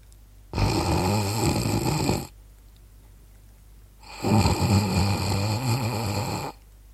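A woman snores: two drawn-out nasal snores, each lasting about two seconds with a pause between, soft and delicate, coming from the root of the nose rather than open-mouthed, with a buzzing, fluttering texture and no talking.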